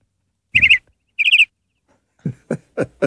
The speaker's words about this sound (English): I mean, it's a canary, but parakeet, I mean, the parakeet people are like, they're not the same.